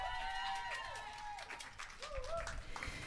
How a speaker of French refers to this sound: On applaudit bien fort d'elle.